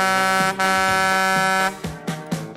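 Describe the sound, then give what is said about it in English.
A cement mixer truck's air horn gives one long, loud, brassy blast lasting over a second, then three quick shorter toots in a row. No voices are heard. “And that cement mixer of hers. There she is.”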